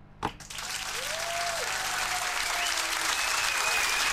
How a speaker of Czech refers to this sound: Tak to je taková novinka, my budeme tleskat těm finalistům.